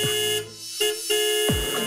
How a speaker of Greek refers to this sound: Πάτα τώρα και την κόρνα, Μπάμπη.